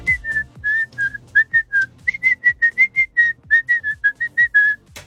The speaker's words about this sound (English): And everyone has to communicate only by whistling. Problem is, I guess nobody... Do they actually know what anyone is saying? Like, we've managed to get exclusive access to it, okay? This is one of the whistles.